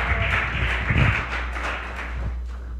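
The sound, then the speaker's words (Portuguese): An audience claps together in praise of the Lord in a dense, steady burst of applause lasting a few seconds, with a few sharper claps standing out and a constant low hum underneath. “Palmas que louva ao Senhor.”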